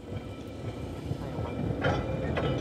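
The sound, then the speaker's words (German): An electric tram of the Manx Electric Railway, with 19th-century cars, rolls along its rails from the terminus at the eastern end of the promenade, with a steady low rumble and a rhythmic wheel clatter, the sound swelling near the end with a couple of brief bursts of brighter rattling hiss. “Seit 133 Jahren fährt von hier aus die elektrische Straßenbahn über die Insel.”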